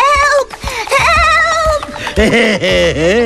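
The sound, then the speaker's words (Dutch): Several young goats scream and bleat in loud, wavering, overlapping cries, rising and falling in pitch for a few seconds. “Toen hoorde de reus de geitjes gillen.”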